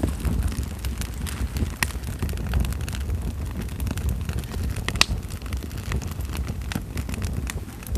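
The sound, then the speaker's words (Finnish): A steady fire roars with a low, rushing rumble, broken by sharp crackles and pops scattered throughout. It sounds fairly loud, with no voices. “Tuli. Nopea palaminen, josta syntyy lämpöä ja kuumien kaasujen muodostama liekki.”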